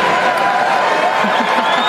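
A live audience at the 2026 NHL draft claps and cheers loudly and steadily as a presenter returns to announce the San Jose Sharks' pick, a dense wash of applause with scattered shouts rising near the end.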